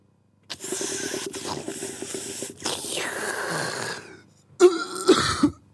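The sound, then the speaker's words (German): Harsh coughing right into a microphone, starting with long breathy rasping and ending in three quick, loud cough bursts that distort slightly. “Nicht dein Mikrofon husten.”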